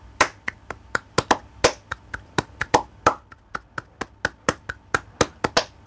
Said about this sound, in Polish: No i to jest bulerias właśnie. No we flamenco także naszym instrumentem będą dłonie, czyli palmas.